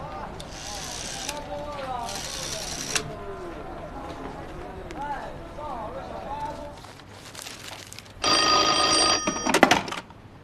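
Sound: telephone ringing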